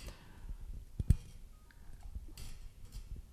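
A few sharp mechanical clicks as a pen is put into the slots of a microphone to move its hidden switches, with a prominent double click near the middle, amid faint handling noise and rustling; no one speaks.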